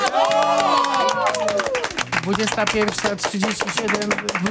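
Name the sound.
applause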